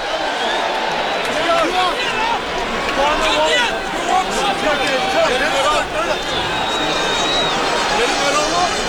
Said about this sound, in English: Sold out crowd here in Baltimore.